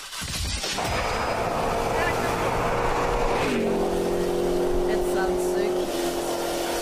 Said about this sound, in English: Ladies, this is an engine starting.